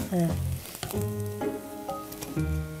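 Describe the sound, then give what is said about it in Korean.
Pancake batter made without flour sizzles steadily in a hot frying pan, a loud, continuous crackling hiss that holds for about three seconds, with a few faint tonal sounds over it. “그러니까 이거 밀가루 안 넣어도 이렇게 잘 부쳐지잖아.”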